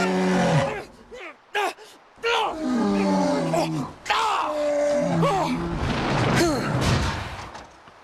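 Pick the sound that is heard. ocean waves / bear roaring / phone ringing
bear roaring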